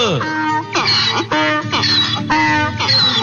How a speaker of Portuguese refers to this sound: Olha ele aí. Papagaio, bom dia.